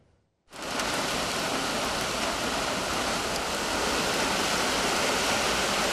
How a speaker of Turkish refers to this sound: Yağmur aniden bastırdı. Dakikalar içinde sokaklar göle döndü. Adana'da sağanak sonrası yine su baskını yaşandı.